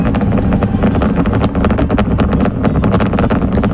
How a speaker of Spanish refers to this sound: Eso es entiendo que es el cohete despegando, sí, no es el mechero una cafetera, de alguno. No es una cafetera.